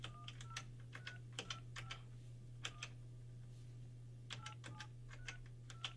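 Telephone keypad tones beep in quick irregular clusters as a friend's number is dialed during a live nationwide broadcast, each beep short and clear over a steady low electrical hum, with no voices.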